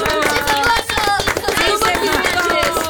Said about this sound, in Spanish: Dense un fuerte aplauso, muchachos. ¡Vamos! ¡Eso!